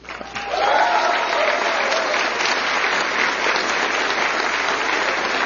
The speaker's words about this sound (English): You're gonna get to clap. You're gonna get to clap for Jason in 20 seconds.